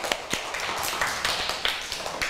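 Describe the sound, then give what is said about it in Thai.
A group of children clap for a classmate in quick, uneven bursts of sharp, scattered hand claps, moderately loud, with no talking. “แล้วทีนี้ขอเสียงปรบมือให้เพื่อนเราหน่อยค่ะ”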